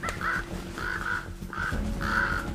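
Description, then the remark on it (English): Ravens call out in a series of four harsh, croaking caws at an unhurried pace, fairly loud, over a steady low rumble of background noise. “Ravens are bad enough.”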